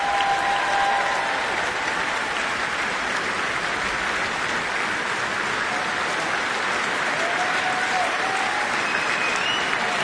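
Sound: concert hall audience applause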